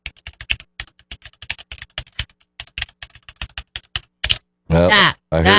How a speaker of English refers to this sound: Do you want to hear what my password sounds like when typing it? Will we be able to tell what it is?